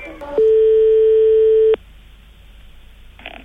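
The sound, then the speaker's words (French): A telephone ringback tone heard over the line as an outgoing call to a proctologist's office connects: one steady, loud beep lasting over a second, followed by quiet line hiss and a faint rustle. “Parce qu'il faut que je prenne des notes, chers auditeurs, pendant que je téléphone.”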